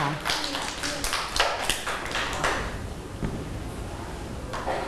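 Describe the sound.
Children clap for a classmate at the teacher's request, in a scattered, uneven burst of sharp slaps that is busiest at first and then thins out to a few stray claps, with faint voices murmuring underneath.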